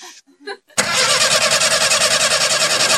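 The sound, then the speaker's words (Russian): After a couple of brief voice sounds, a car engine that has frozen in the cold is cranked over, a loud, harsh whirring that pulses in a fast, even rhythm and keeps grinding without settling into a smooth idle. “Да все, хорош, замерзла она.”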